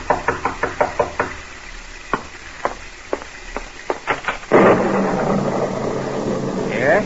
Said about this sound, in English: And as you sit by your fireside, you're startled by a knock on the door.